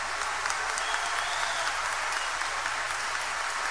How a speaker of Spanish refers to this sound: Queremos dar un fuerte aplauso a dos de los integrantes de las guitarras de ….